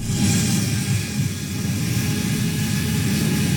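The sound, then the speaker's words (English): A delivery drone hovers overhead with a steady, continuous buzzing whir and a low rumbling hum underneath, holding at a constant loudness throughout with no voices. “What is that in the sky? Is it a bird? A plane? No, might be a drone with your next order from the store.”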